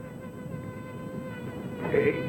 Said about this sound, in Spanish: El Oswald sacó de la bolsa de su uniforme una curiosa mosca de transistores. La soltó y la mosca comenzó entonces a revolotear en el aire hasta que se dirigió a la cámara de cine.